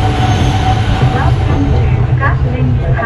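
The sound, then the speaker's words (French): A metro train on Hanoi's Line 2A, in service since 2021 and running 13 km from Yen Nia on the city's outskirts to the centre, rumbles steadily along the track, loud, with a constant low roar and brief metallic squeals, while muffled voices sit beneath the noise. “À Yen Nia, aux portes de la périphérie encore rurale d'Hanoï, la ligne 2A permet de rejoindre le centre. Mise en service en 2021, après 10 ans de travaux et près de 8 années de retard, elle parcourt 13 km.”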